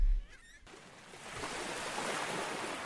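Sea waves rush and hiss in a steady, broad wash of surf, swelling gradually after a brief quieter moment with a faint warbling sound at the start.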